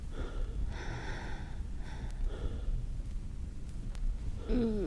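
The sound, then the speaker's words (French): Heavy, labored, out-of-breath breathing, a few drawn-out breathy gasps spaced over several seconds, ending with a short voiced catch of breath. “Le premier pas, couché, essoufflé.”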